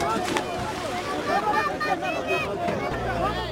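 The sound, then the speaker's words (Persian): A crowded, heavily loaded boat pulls away from the shore into the sea, its steady rumble mixed with wind and water noise while many voices shout and call out over it throughout. “قایق سرانجام با بار سنگین ساحل را ترک می کند.”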